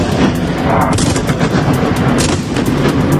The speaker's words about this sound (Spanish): Madrugada complicada la que están viviendo ahora mismo en Kiev. La capital ucraniana está bajo intenso fuego ruso.